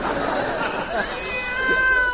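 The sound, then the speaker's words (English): A cat meows loudly and insistently outside, its drawn-out, wavering cries rising and falling over a couple of seconds, with no talking over it. “Oh, shut up. Kitty, what you doing out there?”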